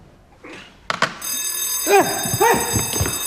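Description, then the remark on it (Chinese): A loud, piercing, high-sensitivity sound-activated alarm suddenly starts ringing and keeps ringing continuously while excited voices shout over it. “声波警报器怎么样？高灵敏度。”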